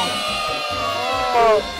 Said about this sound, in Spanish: Niños y niñas, aplauso fuerte para nuestro gran amigo